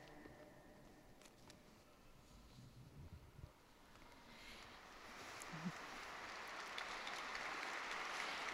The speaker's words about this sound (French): Ils applaudissent, ils sont nombreux.